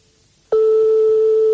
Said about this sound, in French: Donc, comme on est chez des particuliers, forcément, ça sonne dans le vide longtemps et ça peut tomber sur un répondeur. Bon, là, ça peut pas être le cas, sinon ça serait déjà enclenché.